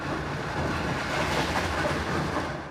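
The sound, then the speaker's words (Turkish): A moving passenger train in Ukraine rumbles steadily along the rails, a dense, continuous roar of wheels and carriage noise, with no voices heard. “İngiltere Başbakanı Keir Starmer, Fransa Cumhurbaşkanı Emmanuel Macron, Almanya Başbakanı Friedrich Merz, tren kullanan liderlerden sadece bazıları.”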